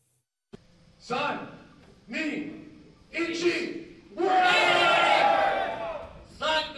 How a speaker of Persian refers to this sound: صدای برخورد فلز با فلز، تشویق تماشاگران و مبارزه‌ای که این بار نه میان انسان‌ها بلکه میان ربات‌های انسان‌نما جریان دارد.